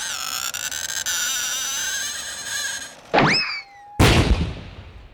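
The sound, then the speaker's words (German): The bent blade of a handsaw, stroked with a violin bow, sings a steady, wavering metallic tone for about three seconds, then gives a loud twang whose pitch swoops downward, followed by a harsh, noisy crash that fades. “Also gut, dann verbiege ich halt meine Säge hier, wenn es unbedingt sein muss.”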